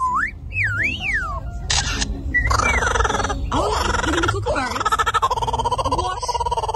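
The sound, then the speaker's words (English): A bird makes a rapid, varied stream of noises: gliding whistles, sharp clicks, then buzzy, throaty grunting and burping sounds that continue steadily and fairly loudly to the end. “this animal is capable of making a lot of noises”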